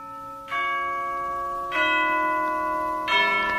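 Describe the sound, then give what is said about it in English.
A tower clock bell strikes three times at a slow, steady pace, marking 11:45, each resonant clang ringing on and overlapping the next. No voices, just the sustained metallic tones. “Only the clock, up there in the tower, striking a 11:45.”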